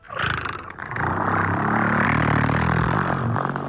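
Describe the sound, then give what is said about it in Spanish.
A voice imitates a diesel car engine with a loud, gravelly, rumbling drone that briefly dips and then holds steady for a few seconds, continuous, with no other talking. “A veces no está el efecto, y esto lo sabes tú. Entonces, o en el coche diésel.”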